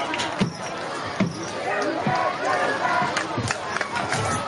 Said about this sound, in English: I'm just kind of chuckling because the some of the Charleston crowd yelling, "You can't do that."